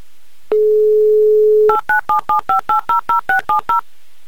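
A steady, low telephone dial tone hums for about a second, then eleven quick touch-tone beeps follow in an even rhythm as a number is dialed to call a listener in Voronezh. No voices are heard.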